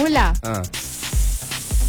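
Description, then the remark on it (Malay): On the Malay radio programme Rentak Pagi KL, a short voiced sound, then a long, steady breathy hiss as someone imitates a snake, lasting about a second with a few soft low thumps underneath. “Sila buat bunyi ular.”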